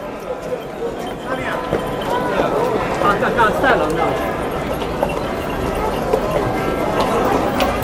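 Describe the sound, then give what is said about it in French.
Hooves clip-clop steadily amid a busy outdoor crowd, many overlapping footfalls from a historical procession of some 80 to 100 riders devoted to the Virgin Mary, bringing the Virgin back to the church of Picianello and arriving in a castle park, with voices chattering throughout at moderate loudness. “On est arrivé dans le parc du château et les cavaliers sont descendus de leurs chevaux.”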